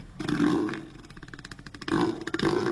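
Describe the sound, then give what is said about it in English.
Neil the Seal, an elephant seal in Tasmania, bellows in deep, guttural bursts, with a rapid pulsing throb in the middle like a revving motorbike engine, then two more loud rumbling roars. “Neil the Seal there, and the site also was a motorbike revving up, wasn't it? It sounded like it.”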